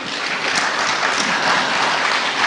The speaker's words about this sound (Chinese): 我们再次把掌声送给程卫东代表，谢谢。